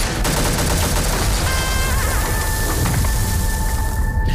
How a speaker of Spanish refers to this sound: Es verdad que en el tráiler hemos oído disparos, guerra